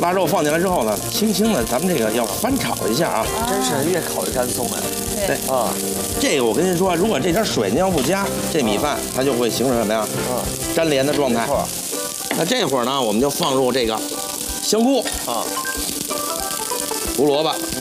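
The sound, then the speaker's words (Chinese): Rice and cured pork being stir-fried in a wok with little oil: the cured pork is added to the loosened rice and gently tossed. A steady, loud sizzle runs throughout, with scraping and tossing sounds, while people talk over the cooking. “腊肉放进来之后呢，轻轻的，咱们这个要翻炒一下啊。”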